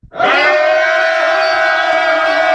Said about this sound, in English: And when the people shouted with a great shout, the walls of Jericho fell down flat.